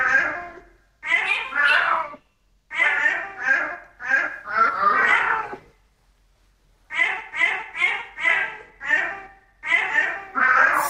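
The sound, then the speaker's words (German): A tomcat named Barney meows a song melody with piano, in quick, pitched bursts grouped into short phrases like a sung tune, fairly loud, with a brief pause partway through. “Dann hören wir uns nochmal an, was Kater Barney da gemaunzt hat und dann sagen Sie mir hoffentlich die richtige Lösung.”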